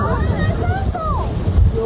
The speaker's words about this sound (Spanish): Esto fue el vendaval el día de ayer. Fuerte. ¡Ay, marido! ¡Uy! Oiga eso. Oiga eso.